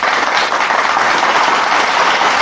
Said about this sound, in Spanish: Agradecemos a la doctora Lucy Serrano por esta maravillosa plática y creo que se merece un fuerte aplauso, ¿verdad?